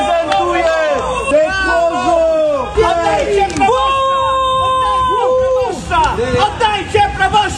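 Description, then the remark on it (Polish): An angry crowd of parishioners shouts in protest in Grójec near Oświęcim, Poland, against the removal of their parish priest, as the bishop leaves under police escort. Many raised voices overlap loudly and continuously, with several long, drawn-out yells rising above the din. “Awantura i protest w obronie proboszcza w Grójcu koło Święcimia.”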